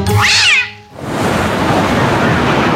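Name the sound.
cat meowing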